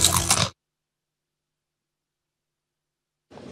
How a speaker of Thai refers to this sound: และนี่คือกอบกอบมันฝรั่งแผ่นหนาชิ้นโตกัดเต็มคำกรอบแน่นเคี้ยวมันกว่าก อบกอบ กอบกอบกรอบกว่ามันกว่า